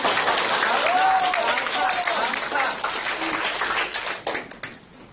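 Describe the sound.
A room full of students claps together in a dense, steady burst of applause with a few voices mixed in, then it thins and fades out after about four seconds.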